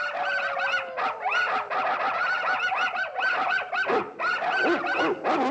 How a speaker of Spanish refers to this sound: En una tienda de animales, los cachorros se alborotan.